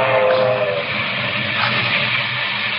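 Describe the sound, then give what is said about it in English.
A local steam passenger train roars along the tracks at speed through the rocky country of West Texas on a July night in 1931, a loud, steady rushing rumble with hissing steam and a brief whistle-like tone near the start, with no voices. “A local passenger train speeds through the rocky country of West Texas.”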